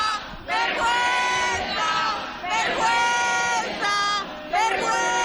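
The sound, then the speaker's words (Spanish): Several police officers shout loudly and repeatedly in a chorus in the street, positioned in front of a building entrance, their raised voices overlapping in bursts outdoors, with a crowd-like commotion filling the space between the yells. “Ahora mismo están gritando los policías, no sé si podéis escucharlo.”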